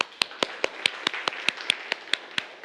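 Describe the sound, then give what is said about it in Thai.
Students in a Thai lesson clap for themselves at the teacher's request, about a dozen sharp, crisp claps in a quick, steady, evenly spaced rhythm over a few seconds, with no voices. “ก็ปรบมือให้กับตัวเองนะครับนักเรียน”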